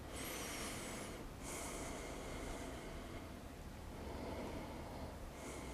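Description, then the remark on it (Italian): Slow, heavy breaths drawn in and out during a seated yoga twist, right ankle placed outside the left knee, held for ten breaths. Airy rushes swell at intervals over a steady background hiss. No one speaks. “Sempre 10 respirazioni in questa posizione.”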